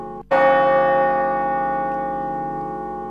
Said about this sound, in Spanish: En el exacto momento de la muerte de Dorrego, la campana de la iglesia de Navarro sonó solo 3 veces.